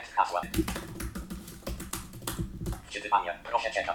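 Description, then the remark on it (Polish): Rapid clicking of computer keyboard keys in an uneven typing rhythm as a login is typed, with a voice speaking briefly in between. “Możemy tu wpisać mój login, czyli Piper. Tabulator.”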